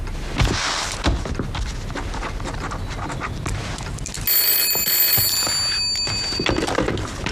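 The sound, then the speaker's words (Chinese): After a few seconds of busy clattering and rustling, a telephone starts ringing: a bright, high-pitched trilling tone that holds steady for about two seconds before fading under the background noise. “你们先出去，我接个电话。”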